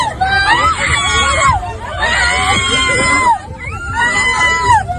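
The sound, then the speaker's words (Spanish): Several women shout and shriek in high, strained voices in a continuous commotion as two wives of one man fight each other with open-handed slaps, with crowd babble underneath and no clear pauses across the few seconds. “Pero guantazos, guantazos con la mano abierta y gritos,”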